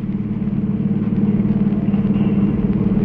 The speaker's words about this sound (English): I got hold of a car, see, and I was driving down 6th Avenue over near Radio City.